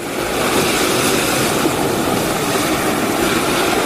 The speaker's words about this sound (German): Also ich würde mal sagen, das sind die Wellen.